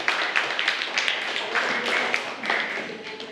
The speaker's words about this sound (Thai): ปรบมือให้กับเลขที่5ด้วยค่ะ